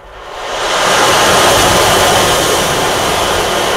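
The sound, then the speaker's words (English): A hand-played instrument imitates rain and ocean waves: a dense, hissing wash of noise swells up over the first second, then holds steady like rolling surf, with no voices. “So you can emulate the sound of rain, or you can take it to the sound of the ocean and do waves as well.”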